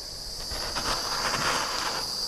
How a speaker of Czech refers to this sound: Máme i vyšlehaný sníh, tak ten si navršíme nahoru a oflambujeme ho pomocí pistole.